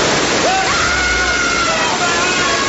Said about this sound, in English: Right, I'm turning the sprinklers on. You have 3 seconds that I switch from water to sulfuric acid.